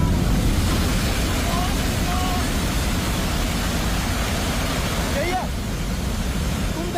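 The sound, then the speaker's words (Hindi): A loud, unbroken roar of fast-moving, muddy floodwater carrying boulders and large stones, thick with deep low rumbling as heavy debris tumbles along. It sounds constant, with faint voices barely audible underneath. “बहुत तेज गति से पूरा मटमैला पानी, बोल्डर, बड़े बड़े पत्थर आते दिख रहे हैं।”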